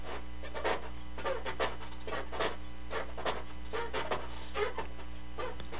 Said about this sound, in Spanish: Mejor voy a poner 5 minutos de... ¿Cómo se le llama eso? ASMR. De la silla rechinando.